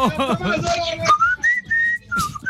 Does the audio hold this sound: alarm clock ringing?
no